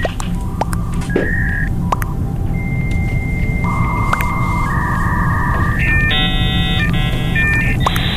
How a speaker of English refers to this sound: Oh, we got a caller calling. Phone call.